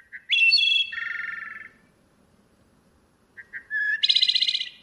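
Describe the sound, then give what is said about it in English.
A wood thrush sings two clear, flute-like phrases, each opening with soft short notes and ending in a rolling trill, heard alone over a faint low background hum. “Unfortunately, wood thrushes are losing habitat as humans convert vibrant forests to pastures, mines, and urban developments.”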